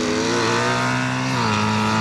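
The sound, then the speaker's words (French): A motorcycle engine revs loudly and steadily, its buzzing tone dipping in pitch partway through as the gearbox shifts on its own. No one speaks. “Selon l'ouverture de la poignée de gaz, la position de l'arbre à cam, etc., les vitesses passent toutes seules.”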